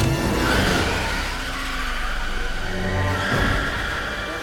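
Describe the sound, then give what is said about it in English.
A car engine roars loudly as tires skid. The driver puts it in reverse and stomps on the gas, and it jolts midway as it rams into the car behind. Then the driver shifts gears and the engine surges again as it drives away. No one speaks. “Tree rams into the car behind her, then shifts gears and drives away.”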